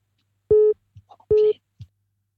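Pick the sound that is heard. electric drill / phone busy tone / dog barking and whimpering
phone busy tone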